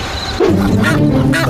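A goose honks loudly, a quick run of harsh, nasal calls following a brief quiet lead-in, with no voices present.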